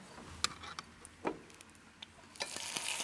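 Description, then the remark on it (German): Apples frying in an oiled pan: a few sharp pops and clicks at first, then a steady, hissing sizzle swells up and keeps going. Nobody speaks. “Ja, deshalb klein bisschen Öl dabei und die Äpfel dazu.”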